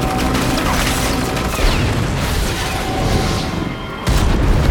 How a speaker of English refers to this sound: The hovercrafts crash down, one slamming into a towering chimney.